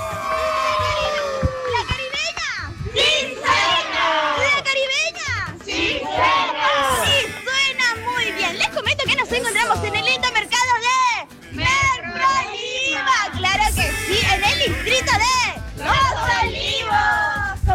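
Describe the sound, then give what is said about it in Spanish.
A loud, busy crowd at a market in the morning fills the scene with overlapping chatter, children's high voices and shouts rising above a constant hubbub of talk. “Ah, y claro, a esta hora se encuentra también en uno de los mercados, así que vamos a escuchar a los chicos.”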